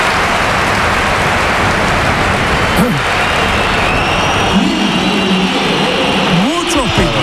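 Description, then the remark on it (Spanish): A stadium crowd at the Bernabéu applauds Real Madrid player Gonzalo as he is substituted off for Mbappé, in a dense, steady wash of clapping and cheering that holds at a loud, even level throughout, with a few shouts and whistles rising out of it near the end. “Aplausos para Gonzalo.”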